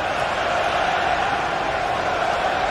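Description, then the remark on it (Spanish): A football crowd at a Belgium versus Egypt match, 16 minutes into the first half, shouts in a dense, continuous roar of many voices, steady and fairly loud throughout, with no single voice or words standing out. “Mira cómo gritan.”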